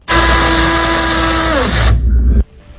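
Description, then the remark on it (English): A loud electric pencil sharpener motor whirs steadily for about two seconds, its high whine dipping lower partway through as if under load, then cuts off abruptly. “$125 electric pencil sharpener.”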